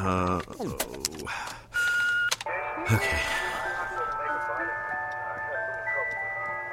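An ice cream truck jingle plays a bright, tinny melody of sustained electronic notes after a few sharp clicks and bursts of noise at the start.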